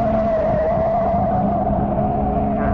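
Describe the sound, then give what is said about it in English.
A car's tires skid with a sustained, steady squeal over a loud, rumbling engine roar as the car nearly goes over the edge of a mountain road running along a cliff. The sound stays intense throughout, with no voices. “Boy, we almost went over. The wheels skipped.”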